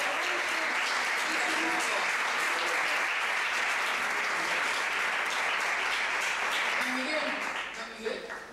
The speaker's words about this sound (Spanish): Un aplauso.